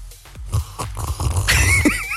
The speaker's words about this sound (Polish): Ale siorbnął. Siorbnę sobie kawusi